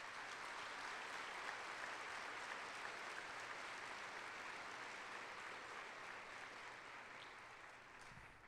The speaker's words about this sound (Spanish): Aplauso para nuestros obispos.